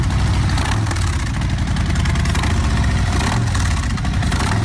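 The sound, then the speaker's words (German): A Harley-Davidson motorcycle engine idles steadily, a loud, continuous low rumbling throb with a faint rise in revs near the end, no voices. “Schon einmalig der Sound und die Fans dieser Motorradmarke haben es natürlich sofort erkannt.”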